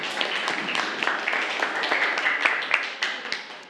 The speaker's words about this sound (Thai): ปรบมือปรบมือเพื่อน